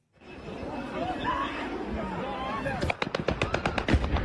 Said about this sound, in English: This is the moment a drone crashed into a busy shopping mall in southern Ukraine.